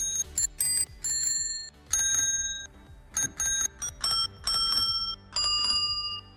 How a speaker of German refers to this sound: wenn ihr erratet, welche Sommerhits wir mit einer Fahrradklingel nachgespielt haben. Hier mal so ein Beispiel.